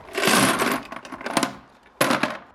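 Colourful plastic toy cars, some of them sports cars, are poured into a light-up box in a loud, rattling clatter of many small hard pieces. It trails off into a few scattered knocks before a second short burst of clattering.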